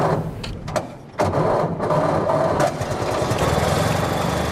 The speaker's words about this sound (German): Nach einer kurzen Schrecksekunde springt er doch an, der Motor des Oldtimers Avis 3. Stolze 100 Jahre alt, aber kein bisschen rostig.